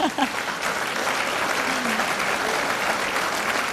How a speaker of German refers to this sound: Sehr schön, dann geben wir gerne einen Applaus, bitte sehr.